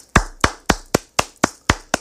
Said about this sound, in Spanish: Quiero que me le den un fuerte aplauso.